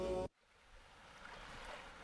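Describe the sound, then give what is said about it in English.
A brief loud roar cuts off abruptly as a storm at sea stops raging, leaving a soft, steady wash of gentle sea waves that swells slightly and continues quietly without any voices. “And then, just like that, the storm and the sea stopped raging.”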